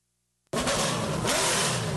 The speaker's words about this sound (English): To rev your engines, NASCAR fans.